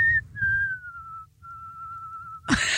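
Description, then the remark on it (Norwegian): Someone whistles a sustained, slowly gliding tune with a slight wavering tremble, held note after note over a low background rumble, ending with a sudden noisy burst. “Med vibrato?”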